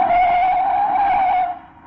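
A loud, high-pitched screech of car tires skidding as the car avoids a truck, sustained for about a second and a half before cutting off sharply and trailing into a faint fade.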